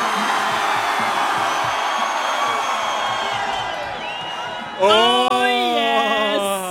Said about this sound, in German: Oh yes. Das ist einfach das geilste Publikum auf der Donauinsel. Applaus für euch! Unfassbar.